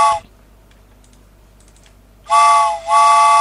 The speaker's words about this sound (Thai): ไปแล้วค่ะรถไฟออกแล้วนะคะใครที่ไม่ทันรถไฟขบวนแรกไม่เป็นไรเดี๋ยวชั่วโมงหน้านะคะเดี๋ยวรถไฟมาอีกรอบหนึ่งนะคะ